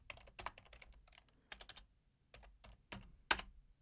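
Rapid keystrokes clack on a computer keyboard at the CITR 101.9 FM radio station in irregular bursts with brief pauses, fairly crisp, with no voices.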